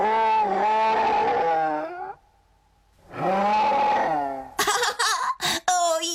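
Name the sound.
bear growling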